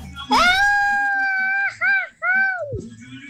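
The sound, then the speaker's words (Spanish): A Mexican celebratory shout sent in as entry number one in a shout contest: one long, loud, sustained yell, then two short yelping bursts and a final cry that drops off sharply, with faint background noise underneath. “Ah, señores, como opción número uno, ahí está el grito que nos mandan por acá, que es el siguiente.”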